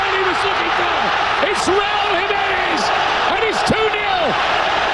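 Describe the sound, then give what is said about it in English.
A huge stadium crowd roars continuously at the FIFA World Cup opening match, Mexico against South Africa, in Mexico City. The roar is loud and steady throughout, with low sliding horn-like tones rising and falling over the dense cheering. “Oh, baby, that crowd is fired up in Mexico City. The sound courtesy of Fox Sports.”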